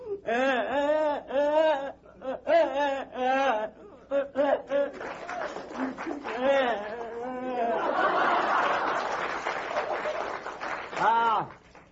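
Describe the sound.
A man's voice imitates a child coming in crying, in choppy, wailing sobs with rising and falling pitch, loud, while a burst of audience laughter or applause swells in the middle.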